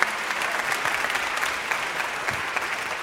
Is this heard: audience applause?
yes